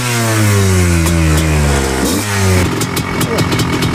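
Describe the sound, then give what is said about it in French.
A petrol motorcycle engine revs loudly, its pitch rising through a gear change before dropping into a rougher, lower rumble. “Tac, bon ben on vient de descendre de la moto thermique, c'est plus technique hein”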